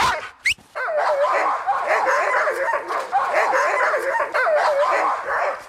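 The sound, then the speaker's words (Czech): A pack of sled dogs, about to be put into harnesses and hitched to the lines before setting off with a sled, barks and yips excitedly all at once, a dense, continuous chorus of overlapping yelps and whines. “A teď psi je potřeba ještě oblíkat do postrojů. Až ty psi oblíkneme, zapřáhnou se na lana a vyrazíme.”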